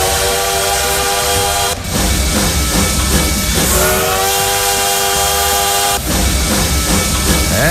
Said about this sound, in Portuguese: Aqui já fazendo barulho, aquecendo os motores do trem-bala.